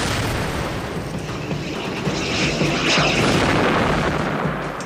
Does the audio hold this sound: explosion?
yes